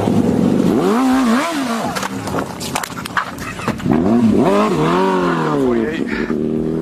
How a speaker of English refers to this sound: Motorcycle just fled from me.